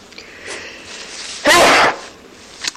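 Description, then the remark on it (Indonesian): A single loud sneeze bursts out suddenly midway, sharp and breathy, against faint background hiss and no talking. “Ingat kalau ada orang bersin, dia mengatakan alhamdulillah, didoakan yarhamukallah.”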